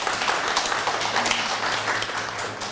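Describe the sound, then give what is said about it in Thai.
A class bursts into steady applause for a classmate who explained how switches change the count on an LED display board, many hands clapping in a dense, crackling wash that holds evenly for a few seconds with no one speaking. “เยี่ยมมากเลยปรบมือให้เพื่อนหน่อยเด้อ”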